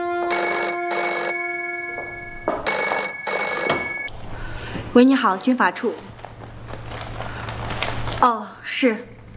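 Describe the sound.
An old-style telephone bell at a military law office rings loudly twice in quick bursts, a call from the General Political Department, then a voice begins speaking over a low background hum.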